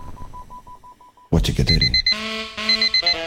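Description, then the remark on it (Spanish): An alarm clock beeps in a quick, steady run of short electronic tones, then cuts off into a loud burst followed by bright, sustained electronic chime notes. “¿A quién le vamos a mandar su despertador?”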